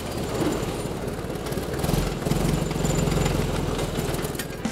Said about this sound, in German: Nur so springt der Schlepper an und bläst seine Abgase garagendach- und benutzerfreundlich nach vorne.